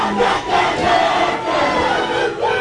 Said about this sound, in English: Whangarei Airport couldn't contain the occasion. The sea of blue and white fans spilled out the doors as they welcomed their team home.